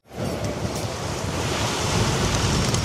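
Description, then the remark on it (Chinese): Steady rushing surf fills the air, with a low, continuous rumble of fishing boat motors underneath, at the fishing port of Aojiao Village, Dongshan County, Zhangzhou, Fujian, China. No one speaks, and the noise stays loud and even throughout. “福建漳州东山县奥角村的渔港，在海浪和渔船马达合奏的交响中醒来。”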